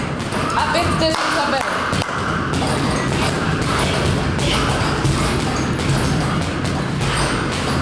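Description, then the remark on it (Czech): Repeated boxing punches thud against pads or a bag in quick, irregular succession during a private boxing lesson in an echoing gym at a sports centre in Pardubice, Czech Republic, with a female coach's voice calling out instructions over the steady training noise. “A zpoza dveří se už ozývají údery a pokyny trenérky.”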